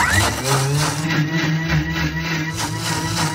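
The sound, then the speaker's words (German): A blender runs continuously, whirring oat flakes and water at a steady, loud pitch with a low motor hum and gritty churning throughout, no voices. “Das schmeißen wir dann in den Mixer rein.”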